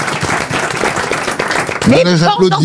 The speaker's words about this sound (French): Là, j'applaudis. Quand elle trouve un truc aussi, c'est pas facile de citer Timsit, et elle l'a trouvé. Là, j'applaudis, ça m'épate.